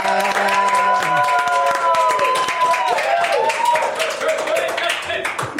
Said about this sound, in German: Aber ich bin dafür, dass wir das mal ganz kurz aufheben. Ja, komm, wir machen mal einen Applaus für uns selbst jetzt.